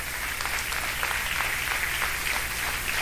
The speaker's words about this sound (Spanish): Le damos un aplauso, Señor Jesús.